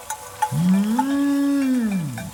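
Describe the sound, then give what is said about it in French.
A single long, loud moo from a cow, rising then holding a steady low pitch before sliding down, with faint clinks like a cowbell around it. “Le son de la voix parcourt l'air et se propage de montagne en montagne pour arriver jusqu'à l'oreille des vaches.”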